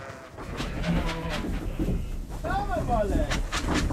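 Pregnant East Friesian milk sheep being moved in a trailer bleat over a steady, noisy rumble, with a few wavering, mid-pitched cries clustered near the end, the loudest rising and falling in a brief quavering call.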